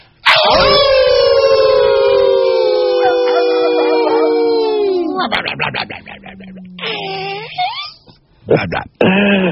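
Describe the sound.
Several people howl together like wolves to welcome a caller, in one long, loud, sustained group howl with wavering pitches, breaking off into laughter and a couple of shorter, ragged howls near the end.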